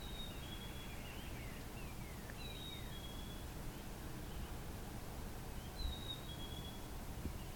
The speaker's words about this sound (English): Very musical. Mm-hmm. I don't know the name of this bird, but I am familiar with it. You also hear it at the cottage.